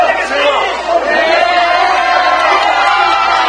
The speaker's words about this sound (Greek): Ενθουσιασμένοι πανηγύριζαν στο γήπεδο στην Ατλάντα και η σύζυγος του Λιονέλ Μέση με τα παιδιά τους.